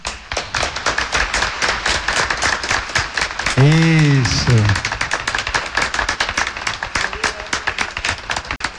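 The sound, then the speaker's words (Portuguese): A church audience gives a round of applause to the standing catechism students. The crowd claps steadily in a dense, rapid patter of hand claps lasting several seconds, while a voice briefly calls out over the applause. “E vão receber uma salva de palmas.”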